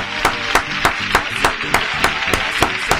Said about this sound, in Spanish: Yo digo, esto va a ser un éxito, ¿eh? Vamos a brindarle un aplauso. Un aplauso. Ahí está.